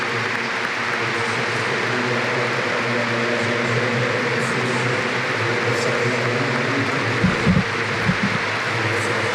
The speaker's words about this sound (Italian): L'applauso di San Siro, lo ascoltiamo ancora.